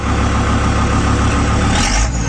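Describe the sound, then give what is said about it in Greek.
A loud, rumbling old Valtra tractor engine chugs steadily, then revs up in a brief rising surge near the end. No one speaks. “Άκου, το δώσε και μια γαζιά.”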